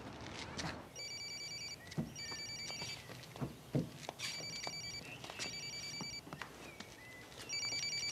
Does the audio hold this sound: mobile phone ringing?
yes